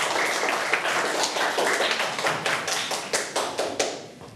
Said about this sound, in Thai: ปรบมือให้กับคนสุดท้ายของเราหน่อยยอดเยี่ยม